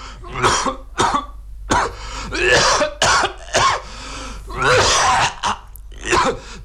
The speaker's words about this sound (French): l'homme qui tousse.